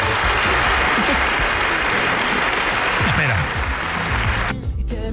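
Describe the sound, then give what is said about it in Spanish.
A crowd claps loudly in a dense, steady burst of applause for about four and a half seconds, with faint voices mixed underneath, before it cuts off abruptly. “Otra vez, dos aplausos.”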